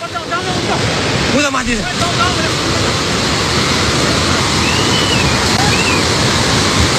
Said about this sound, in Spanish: Esto es el sonido del agua, llevándose por delante autobuses, edificios, la gente corriendo, las imágenes son brutales.